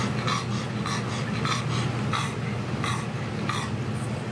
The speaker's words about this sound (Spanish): De hecho, a lo largo de la mañana he pensado mucho en Grace, porque este sonido con el que arrancamos esta historia de la noche más caliente en Europa, comienza con el jadeo de un perro.